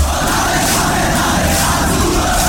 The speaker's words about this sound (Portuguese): Sou Goiatuba até morrer. O grito do nosso torcedor faz a diferença.